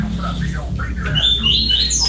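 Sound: small bird chirping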